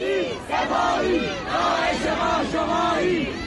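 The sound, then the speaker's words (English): A large protest crowd chants together in loud, rhythmic bursts, many voices rising and falling in repeated phrases with a steady, driving cadence, at 6:30 p.m. in Fardis, a small city on the outskirts of Tehran. “At 6:30 p.m., a crowd was just starting to form in Fardis, a small city on the outskirts of Tehran.”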